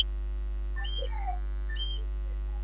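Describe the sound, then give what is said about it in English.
Faint, scattered cricket chirps heard in the background through a speaker's microphone, a few short high tonal trills rising and falling over a low steady electrical hum, with no one talking. “And a cricket that in your back, and a cricket that sound like that.”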